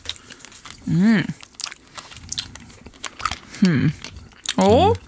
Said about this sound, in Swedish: Man ska inte smaska i radio, vi vet, men det här är en del av innehållet just nu.